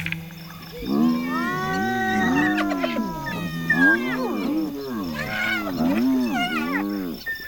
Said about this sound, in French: Qu'est-ce qui vous prend de beugler comme ça, les hyènes ? Y a du danger dans l'air ? Toute la meute s'est arrêtée de manger et fixe un point à quelques mètres au-delà de la clairière.